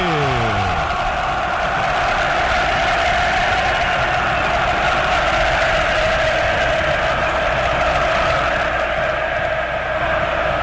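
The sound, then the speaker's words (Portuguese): São Paulo supporters fill the Morumbi stadium in São Paulo with a loud, unbroken roar as São Paulo and Boca take the pitch. Their massed voices blend into a sustained chant-like drone that holds steady throughout, with no one speaking over it. “Ouça a torcida que conduz da Band News FM.”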